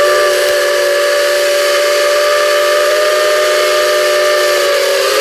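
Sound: steam locomotive whistle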